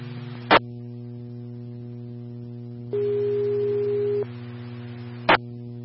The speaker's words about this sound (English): Medic line tones for an intoxicated patient at the Dollar Tree, 501 East Broadway, Squad 56 is on scene requesting a response for a 50-year-old male, conscious and breathing, highly ETOH and non-ambulatory.